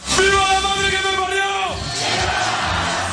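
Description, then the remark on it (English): Huge crowds in Spain cheer loudly as they welcome home their World Cup winners, with one long, sustained shout rising above the roar before it falls off into a steady wash of crowd noise. “Huge crowds in Spain welcome home their World Cup winners”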